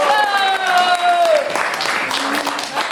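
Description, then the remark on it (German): A group bursts into applause, a dense crackle of many hands clapping together. It opens under a sustained, slowly falling voiced tone, then continues loud and steady on its own. “Applaus!”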